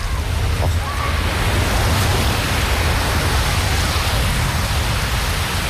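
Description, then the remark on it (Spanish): Steady rushing surf of sea waves breaking on a beach, a dense continuous wash of noise with a deep rumble underneath, fairly loud, with no clear voices. “Os voy a dejar con ese sonido maravilloso para que disfrutéis.”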